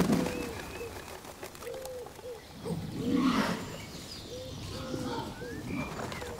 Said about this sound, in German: Ringeltauben sammeln sich in Schwärmen. Sie besuchen den Waldtümpel ein letztes Mal.